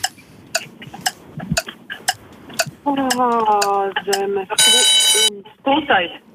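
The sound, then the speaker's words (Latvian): A loud, bright quiz bell rings once for under a second, cutting in between bursts of people talking, with faint rapid ticking earlier in the background. “Nu tāds līdz ar zvanu, principā jau durvis aizvērās.”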